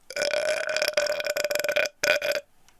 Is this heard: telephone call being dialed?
no